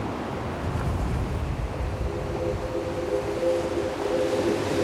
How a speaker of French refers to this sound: L'écume blanche des vagues.